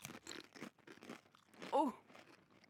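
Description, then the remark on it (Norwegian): Potato chips being crunched during a taste test in a quick series of crisp, crackly bites, followed by a louder burst of chewing mixed with a short voiced murmur, then quieter munching. “Så la oss bare taste-teste sammen. Lukter litt sour cream and onion, synes jeg. Det lukter veldig sørlandschips.”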